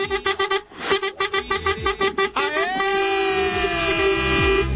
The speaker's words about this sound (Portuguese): Que buzina é essa aí? Buzina de boiola!